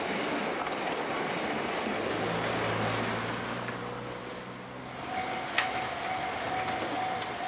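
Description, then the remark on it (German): A train, one of the first air-conditioned trains acquired in the early 1980s, rumbles steadily past a level crossing in Japan with broad, continuous noise and a low droning hum, a sharp metallic click standing out near the end; no one speaks. “Hier einer der ersten Züge mit Klimaanlage, die Anfang der 80er Jahre angeschafft wurden.”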